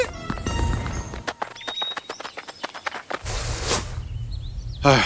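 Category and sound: animal, donkey hooves clip-clopping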